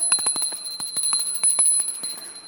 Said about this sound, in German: Schatz, ich habe das hier, eine Glocke.